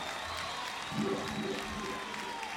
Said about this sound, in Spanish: Les pido un muy fuerte aplauso para todos ellos y todas ellas. Son tan importantes como nosotros.